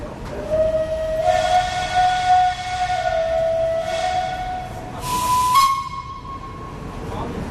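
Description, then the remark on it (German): An old train pulls away from Zürich main station, with a steam locomotive in front, historic carriages and a green Krokodil locomotive at the rear. Its horn sounds a long sustained tone that steps higher near the end, with a brief burst of hissing air over steady rumbling noise. “Der Zug fährt ab.”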